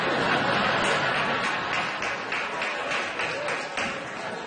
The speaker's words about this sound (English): Nice. Very enthusiastic fat clap over there, by the way.